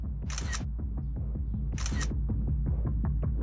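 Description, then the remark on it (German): Two crisp shutter clicks from a drone's camera taking photos from high up, about a second and a half apart, over a steady, droning motor hum that continues throughout. No one speaks. “Ich kann auch ein paar Fotos machen aus der Höhe.”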